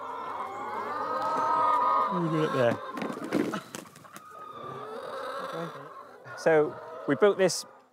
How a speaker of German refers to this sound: Die Silly Chicken sind aber gar nicht so leicht zu handeln. Das Federvieh von der Insel hat einen ausgeprägten Freiheitsdrang.